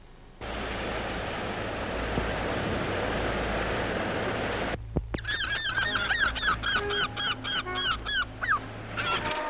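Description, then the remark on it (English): A loud, steady roar of motor or wind noise gives way to a busy flock of seagulls calling repeatedly, their harsh overlapping cries coming in quick rhythmic bursts as they follow a boat carrying caught fish back to the harbour. “As you can see in this picture, there's quite a lot of seagulls followed us on the way back.”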